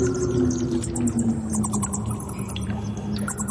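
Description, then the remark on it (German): Rapid, high-pitched squeaks and chittering calls of a vampire bat fluttering through a cave flicker over a steady low droning rumble, with faint dripping patter throughout and no voices. “Das ist eine Vampir-Fledermaus.”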